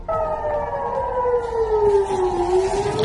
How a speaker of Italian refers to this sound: Esplosioni e sirene nel nord di Israele e nel sud del Libano, a poche ore dall'annuncio da parte di Trump di una tregua tra Hezbollah e Netanyahu.